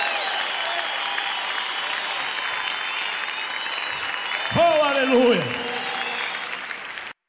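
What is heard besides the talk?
audience applause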